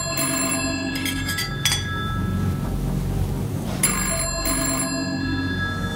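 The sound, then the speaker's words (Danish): An old-fashioned telephone bell in a home rings in two bursts with a pause between them, loud, its bright metallic jangle over a low background hum. “Men det, der så også var særpræget i det her hjem, og som man altså også ser i første afsnit, det er jo mængden af telefoner.”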